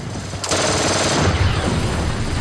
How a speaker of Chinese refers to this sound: 他把车一直开到了跑道中间，两边停着各种飞机，我们用双管维克斯一路扫射。